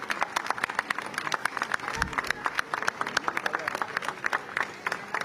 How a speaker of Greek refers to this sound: Καταχειροκροτείτε, δεν ξέρω αν μπορείτε να το ακούσετε.